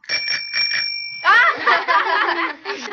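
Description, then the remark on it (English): A small tricycle bell rings with a bright, sustained metallic tone for about a second, used to imitate a ringing phone while practising answering calls, followed by a burst of laughter and chuckling from several people. “came up with the idea of using a tricycle bell.”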